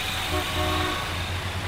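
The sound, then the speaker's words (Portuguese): Car horns honk over a steady city traffic rumble: a short beep, then a longer, held honk, with a low engine drone throughout. No one speaks. “antes da gente encerrar, vamos acompanhar a movimentação do trânsito aqui na nossa cidade?”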